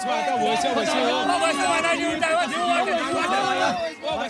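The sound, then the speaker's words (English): A large outdoor crowd of village men, young and old, and children chatters and cheers excitedly along the banks of a spring, waiting to step into the water at a yearly fish festival; many overlapping voices form a loud, continuous babble with occasional raised shouts rising above the din. “Young and old men along with children cheer as they gather along the banks of the spring”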